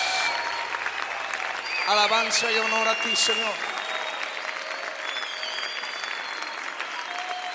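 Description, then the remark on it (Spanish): An audience applauds Jesus in worship, a dense, sustained clatter of many hands throughout, while a single voice briefly speaks over it near the middle. “Te aplaudimos a ti, Jesús.”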